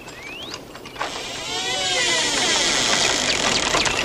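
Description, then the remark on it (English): A shed door creaks open with a drawn-out, wavering squeal of hinges that bends up and down in pitch over a few seconds, beneath a steady mechanical hiss. “Sam stares at the bizarre garden as a shed door squeaks open.”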